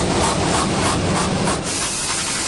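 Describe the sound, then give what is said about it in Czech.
An IMAX 70mm film projector in the IMAX projection booth at Flóra in Prague runs the three-hour 70mm print of Christopher Nolan's The Odyssey, loud, a dense mechanical whir and hiss with a rapid rhythmic clatter that smooths into a steadier drone toward the end. No one speaks. “Na první poslech by podle zvuku mohla promítací kabina IMAXu připomínat autodílnu.”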